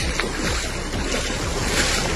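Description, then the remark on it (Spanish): Rushing floodwater from the overflowing Garandina stream in Corte de Peleas after heavy rains, a steady, dense roar of churning water that holds an even loudness throughout, with no voices. “Las imágenes que dejan estas lluvias en corte de peleas con ese desbordamiento son, como te digo, bastante”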